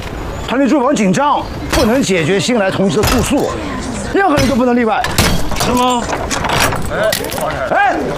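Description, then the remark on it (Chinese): Several sharp metallic bangs and clanks of a door lock being smashed, striking at irregular intervals beneath overlapping, agitated voices of people talking and shouting. “哎，我看见了啊，你砸的。”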